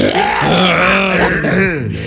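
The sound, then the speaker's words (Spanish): A single long, loud burp caused by acid reflux, drawn out for about two seconds, rough and throaty with a wavering, voiced pitch that dips and rises before trailing off, with no talking over it. “Nomás temprano tiene reflujo el carita, maestro.”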